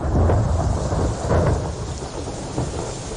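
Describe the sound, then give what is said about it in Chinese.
Low, heavy thunder rolls continuously with a deep rumble, accompanied by a steady hiss like rain starting to fall. No voices are present. “哎呦，恐怕要下雨了。”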